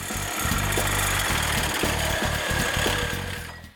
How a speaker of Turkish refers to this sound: Sırada önünde sabit durmasını sağlayan bir mengene olan kılıç testere var. Bununla da sınırlı değil. Hızlıca açılır, hızlıca keser. Hadi kesime başlayalım.